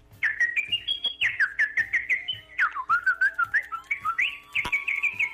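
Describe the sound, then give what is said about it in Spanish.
Someone whistles a short, lively tune, a quick run of bright notes with rising and falling slides, heard clearly on its own with no talking. “Un chiflidito para la suerte.”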